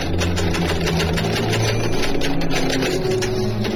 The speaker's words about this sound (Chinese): 就在他们这样说话的三天之后，上海法租界工部局的巡捕房里，一台英文打字机正在擦擦擦地发出某种不祥的声音。